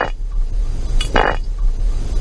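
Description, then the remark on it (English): A Sicilian animal lets out a strange, loud call: a short sharp burst followed by a longer raspy, buzzing blast, over a steady low background rumble with no talking. “And it's not only that it does, but it makes very strange and very loud sounds.”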